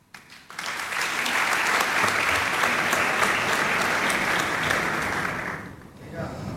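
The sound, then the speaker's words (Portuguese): A crowd applauds steadily for about five seconds, dense overlapping claps at an even loudness, then the clapping fades out and a few faint sounds trail after. “Metade dessas palmas são para o Tiago Torres da Silva.”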